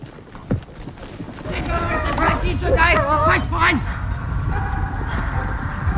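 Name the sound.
service dog barking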